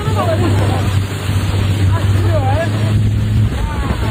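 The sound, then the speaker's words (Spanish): A small motorboat accelerates on the water in Botswana, its engine droning loudly and steadily, with rushing wind and water noise, while voices briefly call out over the roar. “Imagínate que estás tranquilamente de vacaciones en Botswana, navegando, y que una pequeña, que estás en una pequeña lancha, cuando de repente tu guía te dice: agárrate, que tenemos que acelerar, que viene un hipopótamo.”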